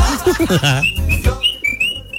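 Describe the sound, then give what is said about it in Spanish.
A high, thin whistle sounds in a string of short rising and falling toots, clear, following a brief burst of animated voices, with some low thumps underneath. “¿Y de quién es ese silbato?”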